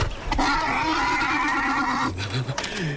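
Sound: horse neighing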